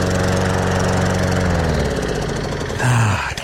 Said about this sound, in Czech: Já si myslím, že někde seká trávu právě Vážně? Teď.